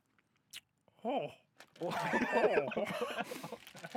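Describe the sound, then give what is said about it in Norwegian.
Someone chews sour pear candies, wet crunchy mouth sounds mixed with strained, warbling vocal noises that swell after a short pause and continue loudly to the end. “Jeg blir i hvert fall til en slange når jeg spiser dette her.”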